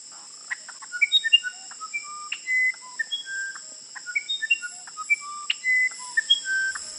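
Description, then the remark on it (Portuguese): A uirapuru (musician wren) sings a lively run of clear, flute-like whistled notes hopping between pitches, some short and some held, over a constant high, thin insect drone, with no voices. “Ele disse, eu sou o Irapuru, seresteiro cantador do meu sertão.”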